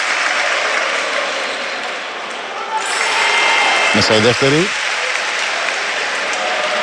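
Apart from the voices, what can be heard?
basketball arena crowd applauding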